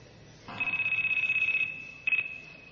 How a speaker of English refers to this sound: One day, Anand visited Fukuoka, a major city located in southwest of Japan, for a Veda seminar. When the seminar started, Anand's cell phone rang.